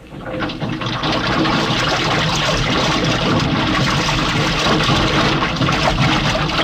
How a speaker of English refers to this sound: Okay, I'm gonna fill the lock.